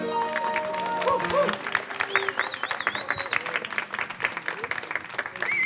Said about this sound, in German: Ich muss mal sagen, ihr habt ja noch keinen Applaus gekriegt. Den kriegt ihr jetzt von den tobenden Massen.